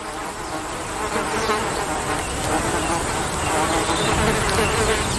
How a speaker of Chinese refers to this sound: 可是这个群体里的成员似乎对他并没有太大兴趣，毕竟这些小高脚羚正忙着驱赶讨厌的苍蝇。